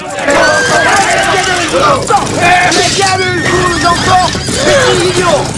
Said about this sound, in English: Three riders in uniform rear their horses and draw swords.